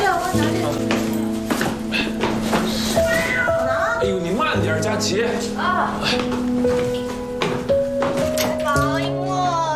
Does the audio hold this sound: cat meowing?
yes